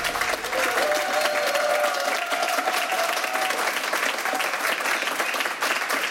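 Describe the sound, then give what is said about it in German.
A live studio audience at a radio broadcast in Berlin claps steadily and densely throughout, a full, sustained wash of applause with a faint tonal whistle or hum running through the first few seconds. “Also, wenn heute Abend beim Fußball auch so viel Applaus herrscht, dann könnte Argentinien vielleicht doch gewinnen gegen England.”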